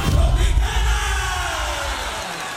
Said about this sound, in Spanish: ¿Qué es esa gritería que le jalaron por allá, hombre?